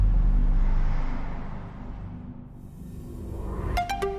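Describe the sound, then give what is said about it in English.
A combustion car engine roars with a deep, throaty rumble as it accelerates, easing off briefly midway before building again, with a few sharp clicks near the end. No one speaks. “There are, of course, electric cars that do that in the same time or even less, but they do not sound like this.”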